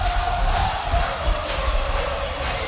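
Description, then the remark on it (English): A large crowd from Bayonne, New Jersey stands and cheers steadily at a Little League World Series baseball game, a dense wash of voices and shouts sustained throughout with no pauses. “The crowd from Bayonne, New Jersey is on their feet, and they couldn't ask for the perfect guy to lead off the home half of the sixth.”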